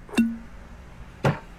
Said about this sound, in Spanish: Un buen ron primero se destapa,